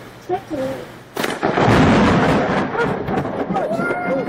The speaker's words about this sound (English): a thunderstorm